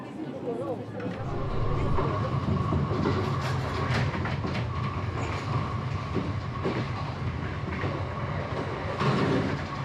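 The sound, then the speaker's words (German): A passenger train in Japan, a leisure train with interiors recalling Kanazawa lacquerware and gold leaf, rolls steadily along the rails out into the countryside, a continuous rumble with intermittent clicks and clatter, plus a faint steady hum. Passengers' voices murmur indistinctly underneath as they enjoy sweets. “Die Fahrt geht hinaus aufs Land. Allerdings sind die meisten Fahrgäste mit den Leckereien im Zug beschäftigt.”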